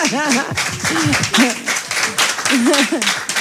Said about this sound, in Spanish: Que es una, en fin, una compañera de camino también de la canción popular, pues un aplauso